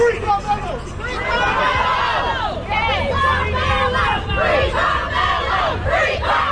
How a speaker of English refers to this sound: That's the crowds outside of a Collin County courthouse, and they're reacting to the verdict in the Carmelo Anthony trial.